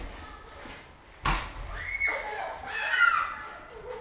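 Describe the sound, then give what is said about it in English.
People in a snowball fight outdoors, throwing snowballs made from snow taken off the tops of cars: one sharp, loud thump, then excited yelps and high-pitched squeals rising and falling over a low background rumble. “Yeah, let's listen to the snow fight. Snowball fight.”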